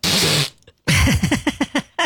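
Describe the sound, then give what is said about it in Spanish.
A man's loud, rasping snore, heard over a telephone held up to him as he sleeps in bed: a harsh, breathy rush, then a rapid run of six or seven throaty, rattling pulses. No one speaks over it. “Ah, mira, sí, pero este ronca que no me deja hablar, ¿no?”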